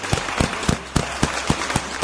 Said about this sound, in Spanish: Así que un aplauso para él.